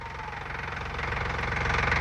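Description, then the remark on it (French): A car engine, started after the choke is set, runs with a steady, rapid knocking rumble, its low chugging pulses growing slightly louder partway through as it revs up. No one speaks. “Ah, faut que je mette le starter.”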